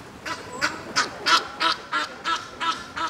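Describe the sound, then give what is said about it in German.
Ducks on a pond quack in a steady series of about nine short, nasal calls spaced evenly apart, moderately loud, with no talking over them. “Die Vögel sind eindeutig im Vorteil, jedenfalls solange sie sich in der Mitte des Teichs befinden.”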